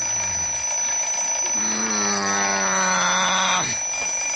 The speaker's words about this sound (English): Maybe I need to change my battery on my... What? My smoke alarms. That's what it is. That's what it is.